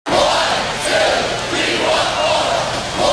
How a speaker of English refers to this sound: Every Badger hockey fan knows that cheer.